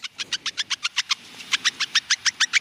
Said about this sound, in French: Ok, ensuite on va écouter une souris.